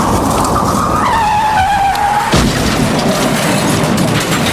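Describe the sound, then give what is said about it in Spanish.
A car brakes hard, its tires letting out a loud, sustained screech that falls slightly in pitch, then a sudden crunching impact over a constant roar of road noise. “o un frenazo, lo que sea, que llega demasiado tarde.”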